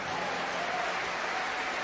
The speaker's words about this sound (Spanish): Denle mejor aplauso al Señor.